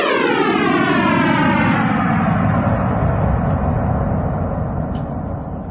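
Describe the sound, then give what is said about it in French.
A sonification of the Big Bang, starting at the Planck wall, 10 to the power of minus 43 seconds after time zero, 13.7 billion years ago: a loud, continuous rumbling roar whose layered tones glide steadily downward in pitch over several seconds, heard alone without any voices. “ça commence au mur de Planck, c'est-à-dire 10 puissance moins 43 secondes après le temps zéro, c'est-à-dire le début du Big Bang.”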